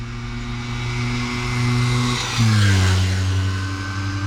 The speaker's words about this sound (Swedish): Det är den italienska mopeden Vespa som skapades 1946. Mopeden fick namnet Vespa Geting. På italienska heter det för att den låter just som en sån.